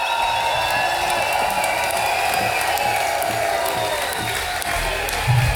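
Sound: audience applause and cheering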